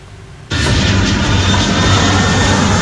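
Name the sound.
passenger jet aircraft engine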